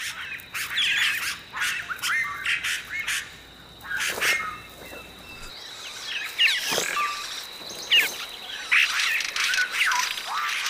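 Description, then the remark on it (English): South American oropendolas, birds that weave hanging basket nests, call in the canopy above a waterfall in a busy chorus of harsh squawks and quick, liquid chattering notes, overlapping almost continuously, while a thin, steady high-pitched drone hums underneath. No one speaks. “The South American Oropendula weaves a hanging basket.”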